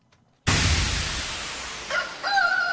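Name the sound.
chicken sound effect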